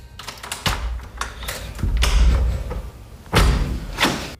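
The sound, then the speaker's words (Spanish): A sheet-metal terrace door being closed: a series of clicks and rattling knocks, a scraping swing, then one heavy slam followed by a brief metallic rattle. “Bueno, una puerta que se cierra.”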